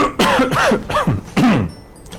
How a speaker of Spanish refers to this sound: Acaba de toser. La garganta.